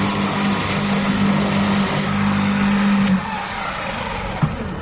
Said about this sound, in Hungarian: Ez egy elektromos szellőztető. Elektromos szellőztető. Van benzinmotoros is, de ilyen kis kerttel nem érdemes befögni, hogy megmozható. Ez ennyi hangja van.